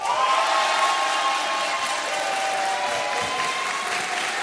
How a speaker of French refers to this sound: Vous avez un grand sourire parce que c'est agréable d'être accueilli et applaudi comme ça.